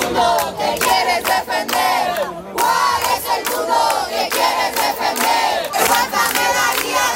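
A crowd of neighbours shouts together in loud, overlapping voices, shouting "no estás sola" in the morning as a woman is carried out on a stretcher, rising in bursts of rhythmic chanting with a brief lull midway before the collective shouting surges back.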